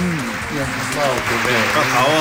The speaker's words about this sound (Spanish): Por favor, gracias por esa ovación.